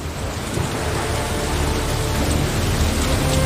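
Heavy, torrential rain from a storm in Kakadu pours down in a dense, unbroken roar, loud, with a deep rumbling undertone like thunder and no voices.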